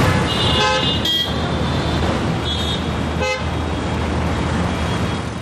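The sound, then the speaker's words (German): Ordinary everyday street traffic in Delhi, India, without a traffic jam: a steady roar of engines and road noise, punctuated by several car horns honking, including a long harmonic blare early on and shorter toots later. “Das war jetzt nur mal ganz normaler Alltagsverkehr, ja, ohne Stau, ohne irgendwas.”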